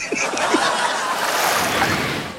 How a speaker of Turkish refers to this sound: Ha, sesi miydi? Girişteki dalga ses. Dalgalı ya. Dalgayı duydun mu? Duydum.